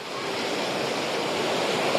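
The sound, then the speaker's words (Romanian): Steady, loud roar of rough sea surf on a beach at the seaside resort of Jupiter, with strong currents and strong wind blowing across the microphone, a dense continuous wash of noise with no distinct pauses and no voices. “Mă aflu într-adevăr pe o plajă din Jupiter, vântul bate cu putere, marea este agitată, sunt curenți puternici, este arborat steagul roșu, ceea ce înseamnă că turiștii nu au voie să intre în apă.”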